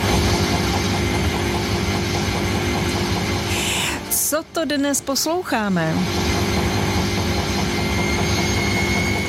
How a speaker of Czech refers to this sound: A my tvrdíme, že obyčejnou pračku, která právě ždí, má prádlo, žádný zvláštní stroj, žádný motor ani turbína, jen jsme mikrofon položili hodně blízko ve chvíli, kdy se buben pořádně roztočil. Věřte, nevěřte, je to opravdu pračka?